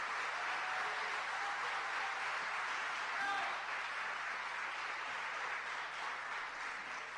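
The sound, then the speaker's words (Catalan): Steady, dense applause from a crowd for the Esbart, a local folk-dance group that brought back the Ball de la Filada for the Festa Major, a broad wash of many hands clapping at even loudness throughout, with faint voices underneath. “Jo crec que l'Esbart, a part d'un brindis, es mereix un fortíssim aplaudiment perquè ho han aconseguit i aquest any tornem a tenir Ball de la Filada el diumenge de Festa Major.”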